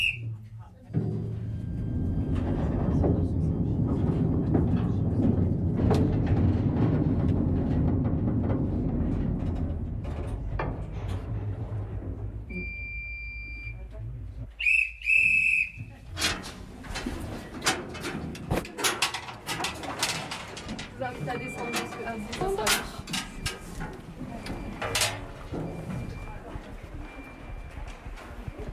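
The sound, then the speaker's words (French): A small mining train carrying visitors on a mine tour rumbles along with a steady low roar, then gives way to rhythmic clattering and clacking of wheels on track, with metallic squeaks and knocks. “Dans quelques instants, vous allez pouvoir tous embarquer dans un petit train minier.”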